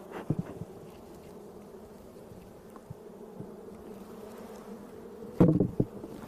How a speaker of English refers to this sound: Just knock the extra bees off.